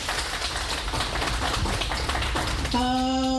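A crowd applauds with dense, steady clapping that fills the whole stretch; near the end a sustained, buzzy tone with clear overtones starts up over the clapping.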